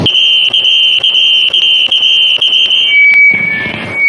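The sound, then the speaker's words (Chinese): A shrill, steady whistling tone imitating tinnitus rings continuously at a high pitch, broken by regular faint clicks, then thins into a slightly lower, purer whine with some rustling noise near the end. “哦，这个有点像啸叫，这个我受不了，这个我得举手。”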